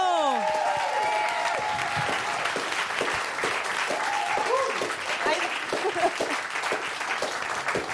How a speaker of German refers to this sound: ein Applaus für Ebo!